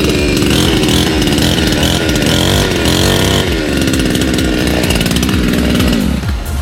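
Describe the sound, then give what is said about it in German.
A chainsaw with a pepper mill attached runs loudly and continuously, its buzzing engine rising and falling in pitch as it revs up and settles back down, with no voices over it. “Nein, das ist eine Motorsäge, da ist eine Pfeffermühle dran.”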